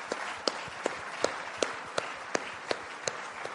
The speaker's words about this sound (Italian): e vi invito anche a un applauso.